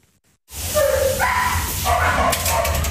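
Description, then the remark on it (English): Several dogs at an animal shelter bark, yip and whine over one another in a continuous, overlapping chorus, loud, beginning abruptly after a brief silence against a low, steady background rumble. “That means the dogs and cats they've taken in as foster pets go back to the shelter.”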